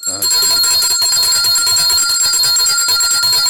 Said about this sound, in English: so I must show my appreciation. Let me ring the bell.